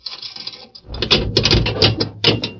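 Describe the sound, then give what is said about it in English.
A jail cell's barred grill door is unlocked: a light metallic rattle, then a run of loud clanks and ratcheting scrapes in several bursts, with no voices. “They spoke a few words to the guard, and then Murph unlocked the grill door of the cell.”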